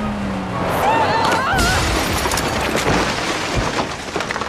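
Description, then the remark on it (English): A loud, chaotic crash of something smashing into the kitchen of a house in a village, with splintering, shattering debris and sharp cracks clattering continuously for several seconds, dense throughout. “You smashed into the editor's house! Look at his kitchen!”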